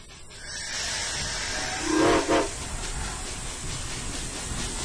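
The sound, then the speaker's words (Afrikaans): Steady hissing steam fills the scene, broken around the middle by two short steam train whistle blasts in quick succession, fairly loud, with no talking. It is Tessa, the toy chest's own train, about to take everyone on a tour. “Ons speelgoedkis se eie trein.”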